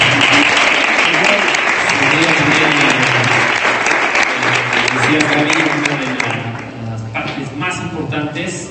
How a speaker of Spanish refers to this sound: Nuevamente, felicidades, un aplauso para ustedes.